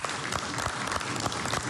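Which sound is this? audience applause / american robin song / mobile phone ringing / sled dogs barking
audience applause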